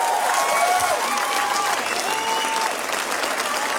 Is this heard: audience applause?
yes